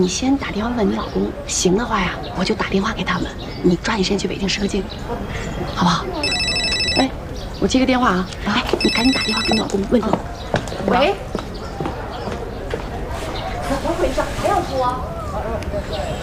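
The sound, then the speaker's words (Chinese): A telephone rings in two short electronic bursts a couple of seconds apart, clear, while people keep talking over a busy background. “哎，我接个电话啊”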